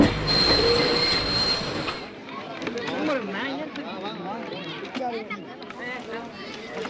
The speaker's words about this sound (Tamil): எங்க ட்ரெயின் நின்னுடுச்சு தெரியலையே. இது எந்த ஊரு? இரு பாக்குறேன். கல்லாறு. ஓஹோ, எங்க என்ன ஆச்சு, வண்டி ஏன் நின்னுடுச்சு?